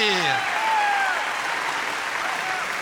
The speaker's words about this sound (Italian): Bravi, bravi, bravi ragazzi, complimenti! Concediamo i ragazzi con un applauso, facciamo sentire il nostro calore! Bravi, bravi, bravi! Una grande, una degna conclusione.